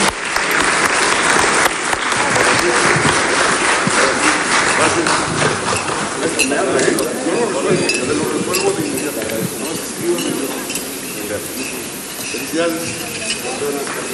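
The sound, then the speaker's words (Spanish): Loud, dense applause from a crowd sending off congratulated young people, steady clapping for about fourteen seconds with voices mixed in underneath, easing slightly toward the end. “Así es que muchas felicidades, enhorabuena, y los vamos a despedir con un fuerte aplauso, porque nosotros nos vamos a quedar trabajando.”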